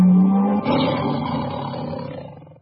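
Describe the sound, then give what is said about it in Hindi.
A single loud tiger roar, opening with a deep sustained growl that bursts into a rough, full-throated bellow and slowly fades away over a couple of seconds, with no talking, in a jingle for Radio Tiger 99.2 MHz. “Radio tiger 99.2 MHz गर्जन छ सधैँ बाघ छैन।”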